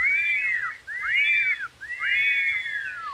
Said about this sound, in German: Pfeif auch dreimal.